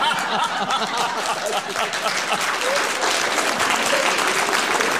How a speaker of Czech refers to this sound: Teď koukám, kdo tleská, kdo netleská. Hlavně chlapi se smějou.